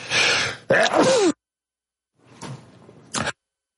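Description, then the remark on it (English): A loud sneeze bursts out with a harsh rush of air and a voiced squeal, then after a short pause comes a softer breathy exhale and a quick sniff. “I'm sneezing here. It's cold.”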